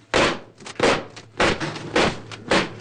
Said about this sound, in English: They're used throughout the show for people to cheer on the actors. She demonstrates how to make it clack. You have to hold it at the very end of the fan.